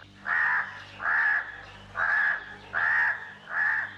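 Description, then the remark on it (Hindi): A crow in a tall tree in a forest caws five times in a steady, evenly spaced rhythm, each harsh call loud, with no other voices present. “उस पेड़ पर एक कौवा रहता था।”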